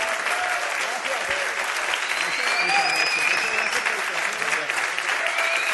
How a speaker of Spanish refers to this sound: Un fuerte aplauso.